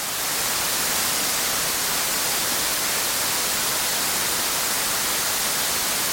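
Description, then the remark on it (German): A steady, unbroken hiss of white noise, bright and evenly spread, holding constant loudness for several seconds with no voices or other sounds. “Weißes Rauschen, pinkes und dann brownsches. Also legen wir mit weißem los.”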